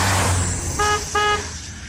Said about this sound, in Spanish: toca la bocina. Hazlo por amor a RTL, Radio Tropical Latina.